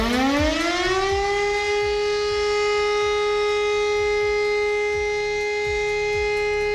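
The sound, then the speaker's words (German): A civil defense all-clear siren sounded on Germany's nationwide warning day rises in pitch at the start, then holds one long, steady, loud tone with rich overtones, with a low rhythmic rumble of the rotating siren underneath and no talking. “Dann hören wir erstmal den Ton für Entwarnung und der klingt so.”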